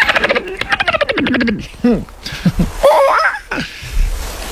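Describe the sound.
A person imitates a dolphin, making a rapid burst of clicking pulses, then high squeaky whistles that slide up and down in pitch, ending with a few chirps.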